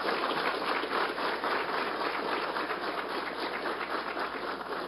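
Sustained audience applause, a dense, steady wash of many hands clapping at an even loudness for the full five seconds, with no voices standing out above it.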